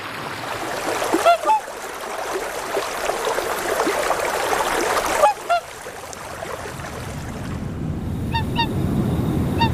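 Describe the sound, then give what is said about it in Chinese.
A flock of geese on Qinglong Lake honks in a few scattered bursts of nasal, harmonic calls, heard over a steady rushing wash of water and wind with low rumbling underneath. “湖面上鹅群越来越少。”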